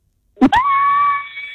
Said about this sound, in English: give us a scream.